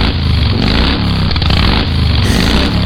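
A loud motorcycle engine roars steadily for a few seconds, its throaty rumble rising and falling slightly as the throttle is worked. No voices are heard.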